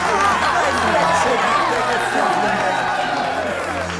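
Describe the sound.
A large audience roars and cheers enthusiastically at a performance before Caesar, a dense, steady wall of many overlapping shouting voices that stays loud from start to finish.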